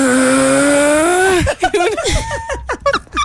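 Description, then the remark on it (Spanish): A person imitates loud snoring that sounds like a straining tractor-trailer truck climbing a road: a long, droning growl, then a run of choppy, sputtering vocal bursts. “Una tractomula subiendo por la línea.”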